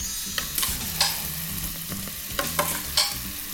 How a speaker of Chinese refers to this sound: 锅子我们稍微热了一下了， 好， 我们现在先下酱进来。